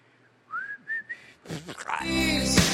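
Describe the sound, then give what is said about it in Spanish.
A person whistles a short melody of three gliding notes, clear, the whistled opening of a song, before a louder burst of music with a steady tone takes over. “Porque años después el mismo ejecutivo le pidió disculpas al vocalista por haberle hecho esa petición de borrar el silbido del principio.”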